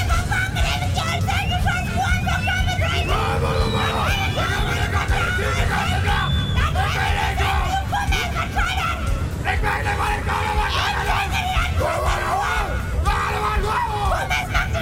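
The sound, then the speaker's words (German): Several voices yell and scream loudly at once, a continuous, strained shouting over dense crowd noise that barely lets up, at the Bunkinale dialect-shouting festival in Bunkenstedt in late summer. “Die Bunkinale erfreut im Spätsommer die Zuschauer aus nah und fern, ist sie doch mittlerweile zum größten Mundart-Schrei-Festival Europas geworden.”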